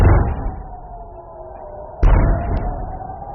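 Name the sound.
heavy explosions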